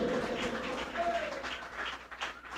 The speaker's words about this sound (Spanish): Alguien aplauda a ese Dios de poder en esta tarde.